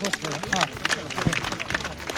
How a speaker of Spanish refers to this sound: Cruce Machacamarca, hermanos. Fuerte los aplausos, hermanos.